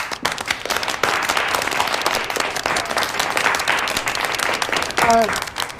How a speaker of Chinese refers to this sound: 大家鼓掌。